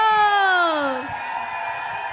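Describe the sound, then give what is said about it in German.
A loud, drawn-out shouted voice slides downward in pitch, then gives way to a steady wash of audience cheering and applause, welcoming a female singer onto the stage at a show in Lucerne (Luzern), Switzerland, continuing to the end. “Und zwar habe ich ein Lied zusammen und mache einen riesen Applaus, weil sie kommt jetzt auf die Bühne”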